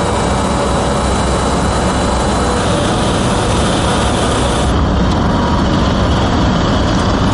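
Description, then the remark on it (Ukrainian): A supply vehicle of the 152nd Jaeger Brigade roars steadily as it speeds toward the front line, a loud unbroken engine drone with broad rushing road noise that shifts slightly in tone partway through. No one speaks. “Машина постачання 152-ї єгерської бригади на шаленій швидкості мчить у бік лінії фронту.”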